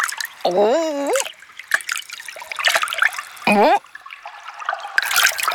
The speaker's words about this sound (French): Au milieu de l'immense salle, il y a un petit ruisseau.